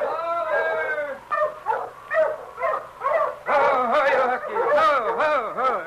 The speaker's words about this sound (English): As Jenkins stood watching the great huskies circling, sniffing, and whining, he heard another dog team approaching from up trail.